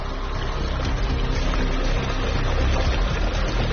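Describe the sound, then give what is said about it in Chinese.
Mountain spring water flowing down from the mountains year-round rushes and gurgles steadily as some is scooped up, a dense, continuous wash of sound that holds an even loudness throughout, with no voices. “来自山上的山泉水常年源源不断，因为山泉水温度很低，所以村民们把水引过来养鱼。”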